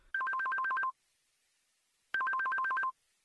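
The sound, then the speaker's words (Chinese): A mobile phone ringtone for an incoming call plays two bursts of rapid alternating electronic beeps, each lasting under a second with a pause between, clear with no talking. “哟，小丽电话，我接一下啊。”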